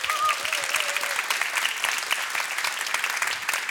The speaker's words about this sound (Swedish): Och vilket gäng du har här också som spelar med dig. En stor applåd för mitt band!